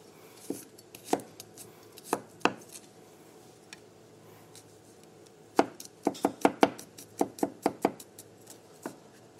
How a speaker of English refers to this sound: So for the tahini sauce, we're going to start by chopping up some garlic.